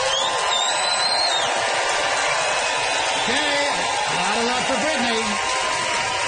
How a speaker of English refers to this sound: Audience, it is up to you, Regina. Time to vote by applause.